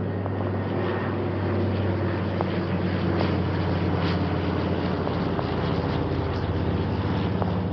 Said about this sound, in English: You can hear the aircraft roaring over me, I expect, as I speak.